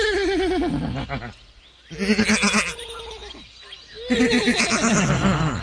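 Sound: horses neighing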